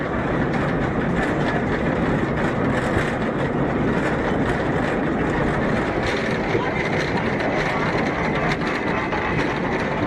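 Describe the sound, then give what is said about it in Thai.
A mountain tram carrying tourists from a lakeside pier hauls itself nearly 1 kilometre up a slope to the summit of Bürgenstock, with a steady, loud mechanical rumble and rattle that continues without pause, filling the whole scene. “จากด้านล่างรถรางไต่ระดับขึ้นไปด้วยระยะทางเกือบ1กิโลเมตรใช้เวลาไม่ถึง10นาทีก็ถึงยอดเขาเบอร์เคนสต็อก”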